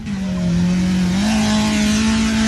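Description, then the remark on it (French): A car engine roars at high revs during a drift demonstration, its pitch dipping briefly then climbing and holding steady, loud with a harsh, gritty edge and no voices. “Il s'agissait surtout d'une démonstration pour rassembler, au plus grand plaisir des passionnés de glisse.”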